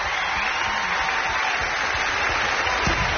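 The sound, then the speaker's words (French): A concert audience claps steadily throughout for a newlywed couple, a dense, continuous wash of applause at a fairly loud, even level with no voices standing out. “Et vous l'entendez, tout le public les applaudit, les félicite.”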